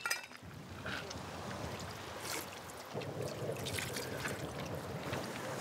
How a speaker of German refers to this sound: Kristallklares Wasser, besser als das aus der Flasche. Es kommt von den weißen Bergen aus 2000 Meter Höhe, fließt dann unterirdisch bis hier zu meiner Taverne. Man kann trinken, so viel man möchte. Und es ist auch noch kalt, den ganzen Sommer über.